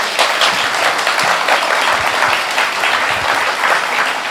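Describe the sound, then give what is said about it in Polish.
An audience claps steadily and loudly for several seconds, a dense, continuous wash of applause with no speech over it. “Brawa gorące.”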